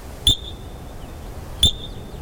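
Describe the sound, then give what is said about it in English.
An animal call: two short, piercing high-pitched chirps about a second and a half apart, each a sharp beep with a faint lingering tone, like a smoke alarm's low-battery chirp, over quiet background hiss. “Yeah, it we kind of compare it to a fire alarm with low battery.”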